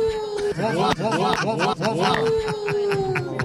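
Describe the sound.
A person imitates a wolf howl (not a coyote howl) with a long, sustained vocal note that wavers and warbles in the middle before settling back into a steady tone, fairly loud.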